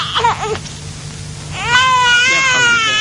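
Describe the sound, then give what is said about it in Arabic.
A baby found lying on the street wails loudly from hunger, with a few short broken cries first, then a long sustained, rising-and-falling cry filling the second half. “الحكايه اللي لقيت الطفل البريء ده مرمي في الشارع على الارض، بيقفقف من البرد وبيعيط من الجوع، فصعب عليا.”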